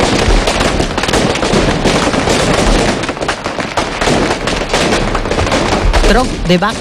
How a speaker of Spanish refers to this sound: enmudece al gentío con un petardo diseñado exclusivamente para el Domingo de Gloria, el Tro de Bac, Domingo de Resurrección en Cúllar Vega, cuando la devoción atruena en la jubilosa mañana de la Pascua.